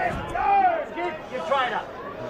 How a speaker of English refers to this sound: You can hear the crowd. Good crowd in front of the can bar here. Lots in the grandstand.